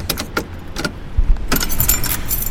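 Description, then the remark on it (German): Keys jangle and clink in several short metallic bursts as someone searches for a key, with a brief pause before a busier stretch of rattling, over a low rumble like a car or road in the background. “Ach, fuck, wo habe ich denn jetzt den verdammten Schlüssel?”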